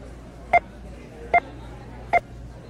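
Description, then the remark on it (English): Three short electronic beeps sound at an even, steady pace, each a crisp two-tone blip like a phone keypad tone, standing out clearly over a faint background hum. The beeps are used to represent American consumer spending. “While you listen to those 5 beeps, people just spent $500,000.”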